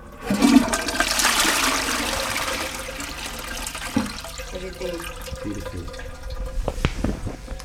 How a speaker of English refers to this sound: So here I'm flushing in the sacred toilet some pomegranate seeds. Although the rest I could eat, there we go.